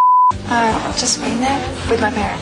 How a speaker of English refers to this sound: what the beep did they say?